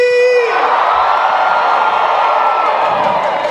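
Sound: concert crowd cheering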